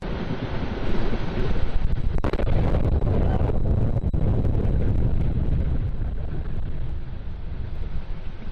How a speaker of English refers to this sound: An explosion so large it could be seen, heard, and felt for miles. Many residents, hoping to catch a nighttime launch on their cell phones, caught an explosion instead.